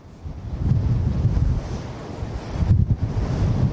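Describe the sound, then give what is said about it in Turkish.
Loud, continuous wind of up to 70 km/h in Arnavutköy buffets the microphone with heavy low rumbling gusts that surge and ease, swelling again near the end, with no voices audible. “aslında sizin de bahsetmiş olduğu gibi Arnavutköy'de çok yüksek derecede bir rüzgar olduğunu söyleyebiliriz. Saatte 70 kilometreye kadar varan bir rüzgardan bahsediyoruz aslında.”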